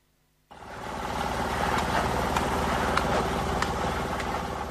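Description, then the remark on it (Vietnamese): Heavy machinery roars to life after a brief silence, a steady, loud engine drone with intermittent sharp metallic clanks, at a road construction site on the inter-village road to Xin Trải village, Khuôn Há highland commune, Lai Châu province. “Âm thanh rộn ràng, sôi động vang lên từ công trường đường giao thông liên bản Xin Trải, xã vùng cao Khuôn Há, tỉnh Lai Châu, báo hiệu một lối mở mới cho sự phát triển.”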